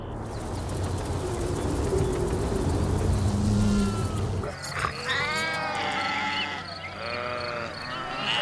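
Steady outdoor rustle gives way to a flock of grazing sheep bleating, several overlapping calls in the second half, with no one talking.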